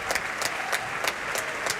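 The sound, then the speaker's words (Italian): Steady applause from an opera audience at the end of Tancredi at the Teatro dell'Opera di Roma, with the orchestra joining in: a dense wash of clapping with a regular pulse of sharper claps, about three per second, and no voices. “Gli applausi, applaude evidentemente anche l'orchestra.”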